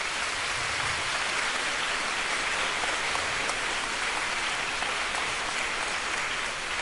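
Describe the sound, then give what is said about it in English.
An audience at a student music performance applauds the teachers in a steady, dense wash of clapping that holds at an even volume for about seven seconds, with no voices audible over it. “Thanks to all the teachers, please give them a round of applause.”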